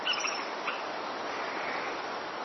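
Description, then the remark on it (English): A few soft bird chirps, brightest near the start, over a steady, fairly quiet outdoor hiss. There is no talking. “Have you ever fallen in love with a bird?”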